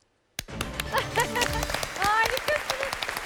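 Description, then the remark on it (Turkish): A contestant on a quiz show bursts into rapid, steady clapping before the green light comes on, starting abruptly and continuing loudly for about three seconds, with excited voices calling out over the claps. “Yeşil olmadan alkışladın.”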